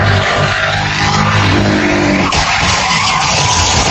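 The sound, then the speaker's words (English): Loud, continuous tire skidding and roaring car engines fill the scene during a police chase in Miami, Florida, that ends in a violent crash, with a sudden jolt about halfway through as the vehicles keep screeching. No one speaks. “In Miami, Florida, a man being chased by police accused of military abandonment ends up in a violent crash.”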